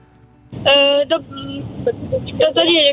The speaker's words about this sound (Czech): Mám pocit, jste v autě někde, nebo se mi to zdá? Ano, jsme v autě.